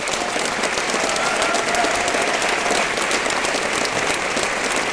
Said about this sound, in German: Kann ich einmal einen Applaus hören? Nicht für mich, sondern dass die beiden Kolleginnen wissen, jetzt geht's dann gleich los. Jane Mumford und Thomas Maurer.